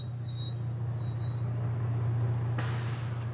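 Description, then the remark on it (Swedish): A fully packed bus on a 10-hour trip to Dar es Salaam, Tanzania, idles with a steady low rumble, then a loud sharp hiss of air brakes bursts out near the end and continues to the close. No one speaks. “Dagen därpå kliver Daniel ombord på en fullpackad buss.”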